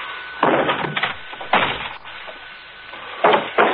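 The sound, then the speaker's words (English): A wooden door being kicked open: four loud, heavy banging impacts with splintery rattles, spaced irregularly, with no voices. “I'll kick open the door and you stand back.”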